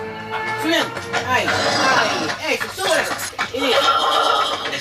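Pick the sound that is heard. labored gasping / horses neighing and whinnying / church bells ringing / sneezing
horses neighing and whinnying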